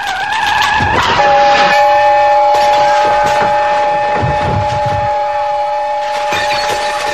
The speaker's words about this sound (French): La tête de Roger se transforma en sifflet à vapeur, puis émit un son strident et ce fut l'explosion assourdissante.